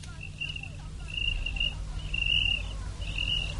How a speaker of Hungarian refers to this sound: Ó, a táltos tücsök ott a gerendán.